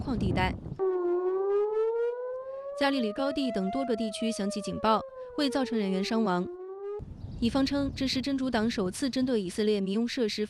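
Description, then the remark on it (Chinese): An air raid siren in the Galilee highlands of northern Israel warns of Hezbollah rocket attacks. It sounds a long, slowly rising wail that bends slightly downward, with people talking over it. The siren cuts off and the talking continues alone. “加利里高地等多个地区响起警报，”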